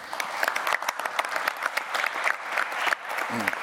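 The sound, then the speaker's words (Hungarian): Steady applause at a session of the Defence and Law Enforcement Committee, a dense patter of many hands clapping at an even loudness throughout, with a brief hint of a voice near the end. “Köszönöm a tapsot az ön nevükben is.”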